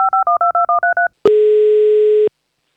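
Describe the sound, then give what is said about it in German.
Seven quick two-tone beeps of a phone keypad being dialed in steady rhythm to call a child on the children's radio show Minidisco, followed by a single long, loud electronic tone lasting about a second, then silence and a faint click. “So, und ich rufe schon das nächste Kind an.”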